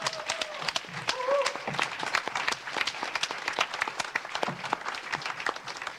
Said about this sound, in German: Herzlichen Glückwunsch zu dieser Inszenierung. Einmal nochmal Applaus.